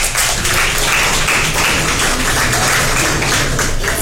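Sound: applause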